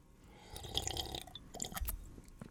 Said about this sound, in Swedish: Där dricker jag vatten från förra veckan som jag hittade i kylskåpet. Mm, det är jättebra. Det var faktiskt överraskande gott.